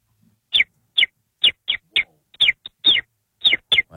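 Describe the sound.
A person whistles an imitation of a common sparrow's call: a series of about ten short, bright chirps at a quick, slightly uneven pace, clear with no talking.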